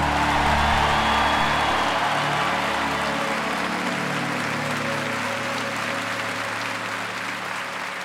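An audience applauds the Lord together in thanks for a woman's life, a dense, sustained wash of clapping that holds steady for several seconds, then gradually thins and softens toward the end. Faint steady tones linger underneath.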